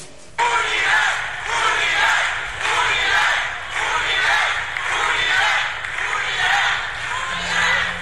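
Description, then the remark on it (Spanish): A large crowd shouts a unity chant in unison at a gathering of Fourth Transformation leaders in Quintana Roo, loud and sustained, with rhythmic swells roughly every second as the voices rise and fall together throughout. “Con el grito de unidad, los liderazgos de la Cuarta Transformación en Quintana Roo enviaron un contundente mensaje de cohesión política.”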